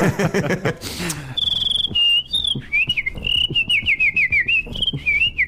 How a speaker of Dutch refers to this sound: Zo doe je dat? Zo. Ah, voilà, zie je. Dat heb ik ook gedaan met een beenhouwer van Oudu, want die kan ook zo fluiten. Ja, dat zijn allemaal binnensmondse trucjes die je moet doen. Maar goed, die man kon heel aangenaam fluiten.